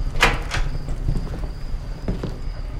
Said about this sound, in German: Das alte Holz des Schiffsrumpfes knackte und knarrte.